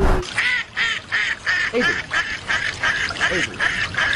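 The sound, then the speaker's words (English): A duck's mating call: a rapid run of about a dozen harsh, evenly spaced quacks, loud, over a rough, splashing wash of the ducks' wings flapping in water. “You hear their wings splashing in the water.”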